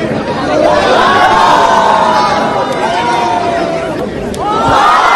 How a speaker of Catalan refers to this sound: Qui rep més aplaudiments i crits és el guanyador.